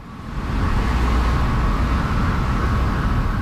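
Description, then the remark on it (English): Steady street traffic of cars and trucks roars outside a building at the foot of Main Street in a busy downtown east side neighborhood, a continuous low rumble with a broad hiss of road noise and no pauses or voices. “Yes, you're hearing traffic outside a building called Main Rooms.”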